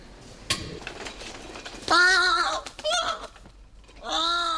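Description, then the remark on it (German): A bird being taken back to a zoo calls out loudly and harshly three times during an elevator ride, each cry a strained, bleating squawk, with faint clinks and rattles in the quiet between. “Auch nicht alltäglich für einen Vogel. Eine Fahrt mit dem Fahrstuhl.”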